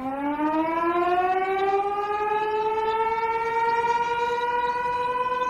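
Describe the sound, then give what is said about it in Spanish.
A loud factory siren signalling a shift change at 2 p.m., among factories and gantry cranes by the marshes, wails steadily, its pitch slowly rising and then holding a long sustained tone, with no voices over it. “Suena el sonido de una sirena, cambio de turno.”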